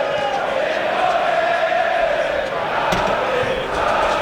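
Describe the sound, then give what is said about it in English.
Bournemouth fans in a large stadium crowd at a football match sing a player's name in unison, a sustained, droning chant of many voices rising and falling steadily over a constant roar, with no single voice standing out. “The Bournemouth fans are singing the name of the man who went down looking for that penalty.”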